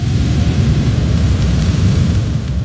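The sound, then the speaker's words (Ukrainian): A deep, continuous rumbling roar from an explosion's blast wave at the Gazprom Neftekhim Salavat petrochemical plant in Bashkiria, Russia, loud and heavy in the low end, rolling steadily for a few seconds with no voices. “А це вже вибухова хвиля наздогнала комбінат «Газпром Нефтехім Салват» у Башкирії.”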